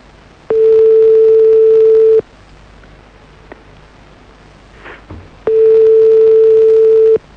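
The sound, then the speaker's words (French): A telephone ringback tone while calling a woman back on her mobile phone: two steady, mid-pitched buzzing beeps, each lasting under two seconds, separated by a few seconds of quiet hiss while the line rings. Nobody speaks. “J'espère qu'elle va décrocher.”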